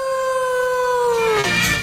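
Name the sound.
wolf howling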